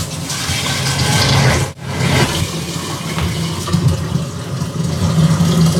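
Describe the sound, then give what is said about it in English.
Hot water pours steadily into a brewing container, filling it up to the black line inside, a continuous rushing gush with a brief break partway through before the flow resumes and carries on to the end. “Next, I have to fill it up to the black line inside with hot water.”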